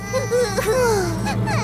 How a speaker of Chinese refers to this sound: 欢乐熊，到底怎么回事啊？谁在哭啊？